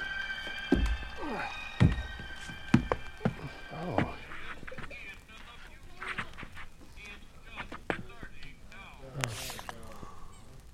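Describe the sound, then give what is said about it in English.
A duck sound effect: a string of nasal, honking quacks mixed with sharp knocks and thumps, fairly loud, forming a busy, cartoonish burst of noise. “Pluck the duck.”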